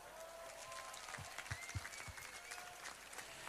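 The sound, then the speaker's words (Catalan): A crowd applauds the casino's board (Junta) at the Festa Major of Sant Andreu, marking the end of the casino's centenary, a dense wash of many hands clapping at a fairly even level, with a few louder individual claps standing out midway through. “I demano per la Junta, fem un gran aplaudiment.”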